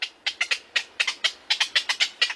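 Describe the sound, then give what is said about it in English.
Black-crowned night herons call in a rapid series of harsh, clipped squawks, about a dozen in quick succession, loud, with no other sounds around them. “For black-crowned night herons, a city zoo can be home sweet home.”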